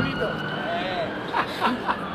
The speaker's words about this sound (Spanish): Escuchá, escuchá. La sirena suena para mantener alerta a la ciudad.